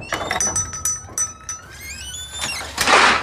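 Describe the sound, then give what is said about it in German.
A kitchen drawer slides open, with metallic clinks and rattles of utensils shifting inside, ending in a louder scraping rush. “Ah, jetzt hat der Stagenanner in die Küche-Schublade sei End.”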